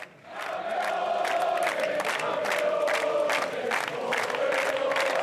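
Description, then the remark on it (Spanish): A large crowd shouts a rhythmic champions' chant in unison at a celebration, voices rising together in loud repeated bursts that carry steadily from start to finish without pause. “Ese grito de campeones.”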